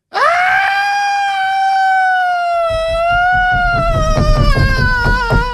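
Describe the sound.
A voice mimics the tantrum crying of a child sitting on the floor at a shopping mall after not being bought a toy: one long, loud, high-pitched wail, turning rougher and noisier with choppy bursts in its final seconds.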